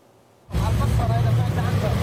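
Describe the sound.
Dense, steady rumble of heavy city traffic in the southern suburbs of Beirut, the capital, known as Dahiyeh, on a Monday as residents flee the area. It sets in abruptly after a brief near-silence, with engine drone, a busy wash of street noise and indistinct voices, loud throughout.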